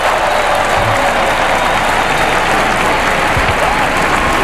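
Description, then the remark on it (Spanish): A large crowd applauds steadily, a dense, loud wash of clapping that holds without a break for several seconds, as the Pope applauds with the King and Queen, the Archbishop of Barcelona, Pedro Sánchez and the President of the Generalitat at a tower inauguration ceremony. “El Papa aplaude junto a los reyes, el arzobispo de Barcelona, Pedro Sánchez y el presidente de la Generalitat.”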